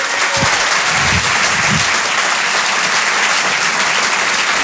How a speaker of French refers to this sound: Je vous demande un tonnerre d'applaudissements, s'il vous plaît, mesdames, messieurs, pour ….